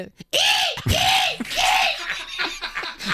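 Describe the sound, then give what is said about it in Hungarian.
A seagull calls with three loud, drawn-out wailing cries that rise and fall, followed by a quicker run of shorter, choppy yelps. “És akkor most jön a sirály.”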